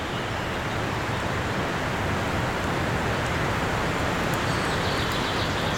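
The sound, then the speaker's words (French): Mountain torrents at the prairie d'Ambanels rush with a dense, unbroken roar of water that holds steady throughout, while a few faint, high bird chirps barely poke through the din. “Le tumulte des torrents. Qui recouvre en toile de fond le chant des oiseaux.”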